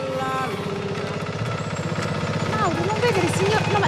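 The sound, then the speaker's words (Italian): A tractor engine chugs loudly and steadily, its low rhythmic throb continuous throughout, with voices breaking in over it toward the end. “Spenga il trattore!”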